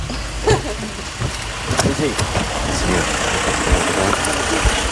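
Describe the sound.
Steady low rumble of a car engine running during a drive, a continuous hum filling the background as voices talk over it during a briefing given on the car ride.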